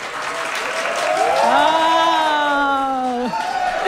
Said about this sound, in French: Ah, ils sont bons, ils sont malléables. Mm-hmm. Je suis content de les avoir. Regarde, ils suivent ma main là, quand je leur dis d'applaudir.